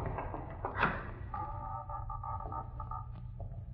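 A door handle is rattled and a latch clicks as a door in a basement is tried, then the door swings open onto a dark furnace room with a long, wavering creak of the hinges over a low steady hum.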